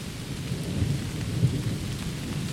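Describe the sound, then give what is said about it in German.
Steady rain patters on the leaves of trees high overhead in an old, protected beech and oak forest, a dense continuous wash of drops with a deep low rumble beneath it and no voices. “Hoch oben in den Bäumen prasselt der Regen auf die Blätter und kommt bei uns hier unten erst nach und nach an.”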